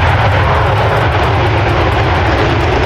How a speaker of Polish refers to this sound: 5 kolejnych najnowocześniejszych myśliwców świata F-35 jest już w Polsce. Dzisiaj po południu wylądowały w Łasku. Łącznie mamy takich maszyn już 8.